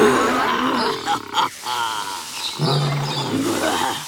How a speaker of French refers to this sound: T'inquiète, ce n'est pas pour toi que je rugis. C'est pour prévenir le jeune lion qui entre sur mon territoire. Il ferait mieux de faire demi-tour s'il tient à la vie.